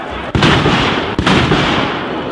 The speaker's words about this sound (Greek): Απ' τη χαρά τους πυροτεχνήματα είναι, μη φανταστείτε.